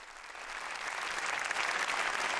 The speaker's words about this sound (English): Let me hear applause for the performance, the opera performance here in the Conference Center, which will welcome the Pope.